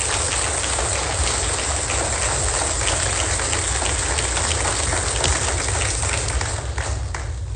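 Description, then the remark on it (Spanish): An audience applauds loudly, a dense crackle of many hands clapping at once that holds steady for several seconds with no one speaking over it. “Suelte fuerte ese aplauso, celebremos esa gema del reino.”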